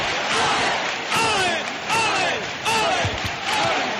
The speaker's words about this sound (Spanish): La gente en el interior del santuario no para de aplaudir. Ahora vemos el sin pecado de frente a la Virgen del Rocío. Comienzan los vítores.